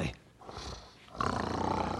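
Loud, rasping snoring: a rough, rumbling inhale followed by a louder, sustained guttural snore with a whistling edge, and no talking.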